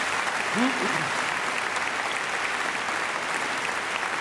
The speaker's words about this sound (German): So, das ist eigentlich ein Applaus wert, finde ich, oder nicht? Ja, ich denke doch.